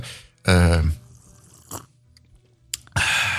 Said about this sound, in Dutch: Je wilt toch een vieze koffieslok? Ja, natuurlijk. Zonder die vieze slurp kunnen we niet verder.